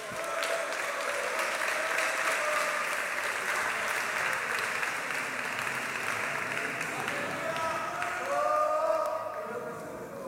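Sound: audience clapping hands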